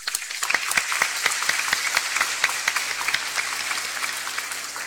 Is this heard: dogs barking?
no